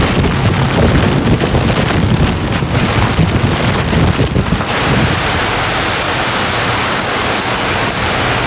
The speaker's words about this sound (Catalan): Es tracta d'una de les pitjors tempestes de les últimes dècades, amb un miler de quilòmetres d'amplada i amb vents de 145 quilòmetres per hora.